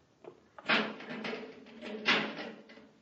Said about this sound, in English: There's a metal door, Hap. Let's see if we can open it.